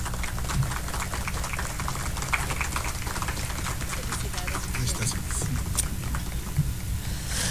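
A crowd in Riobamba, Ecuador, claps loudly and steadily to congratulate a student on her speech, a dense crackle of many hands that holds at an even level for several seconds without pause.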